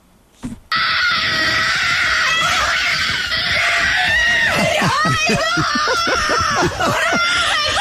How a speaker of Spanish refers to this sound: Salta, grita, llora, se abraza con la empleada de la casa.